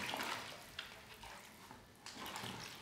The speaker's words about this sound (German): So, jetzt müssen wir noch einmal neue Gips anrühren. Hier, Wasser.